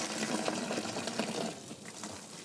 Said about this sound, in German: In der Seifenfabrik kocht die Mischung aus Olivenöl, Soda, Wasser und Salz nun schon 2 Tage im 3000-Liter-Kessel.